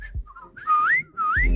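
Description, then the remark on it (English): A person whistles a short song melody, two clear rising-and-falling phrases with a brief pause between them, no talking. “The whistle for the song, I can do.”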